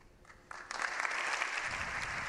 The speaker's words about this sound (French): Avant de prendre place sous les applaudissements que vous entendez dans l'hémicycle. Où sont présents, par quelques rares exceptions, la quasi-totalité des députés espagnol au Palacio de las Cortes.